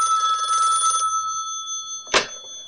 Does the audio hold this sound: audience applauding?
no